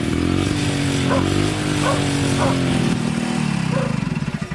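An old motorcycle engine is left idling briefly, letting off a little smoke, with a steady, throbbing low rumble, its pitch sagging slightly toward the end as the loudness begins to flutter. A few faint, brief higher chirps sound over it.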